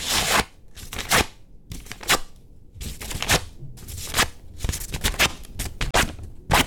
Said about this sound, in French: Très bien, après ce petit état de lieu, on passe donc à la manipulation des papiers à l'aide de ces deux gestes. On commence avec le papier crépon. Si on l'étire, on entend...